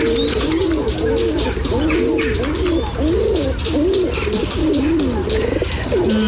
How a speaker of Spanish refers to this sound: De palomas. Sí. Esto suena a palomas, palomas de ciudad, ¿no? Palomas de ciudad, sí. Bueno, tengo que decir que son criaturas bastante poco poéticas.